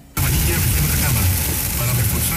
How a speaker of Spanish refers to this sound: Vamos acá, sector de Piedra Colgada. Está lloviendo muy fuerte. Bastante lluvia. Se siente la lluvia como cae, con mucha fuerza.